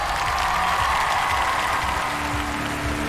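Steady, loud applause from a large crowd welcoming 100 international public judges at a global singing competition, a dense wash of clapping that holds evenly for about three seconds, with a faint low tone underneath.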